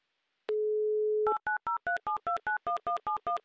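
A steady telephone dial tone hums for under a second, then about ten crisp touch-tone beeps follow in quick, even succession as a listener's phone number is dialed for a call on the Humor FM radio show. No voices are present.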